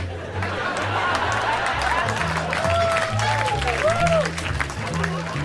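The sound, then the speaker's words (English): A crowd applauds steadily throughout, a dense wash of clapping mixed with cheering voices and a few rising whistles, while a low, pulsing beat thumps underneath. “Some of those responses, some of those laughs and claps I used for other jokes that didn't work.”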